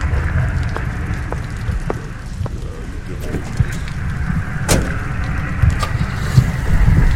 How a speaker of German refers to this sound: Langsam fährt Gorhams Wagen vom Hof und die grellen Scheinwerfer tauchen den Mann, der noch immer mit dem Umschlag in der Hand dasteht, in helles Licht.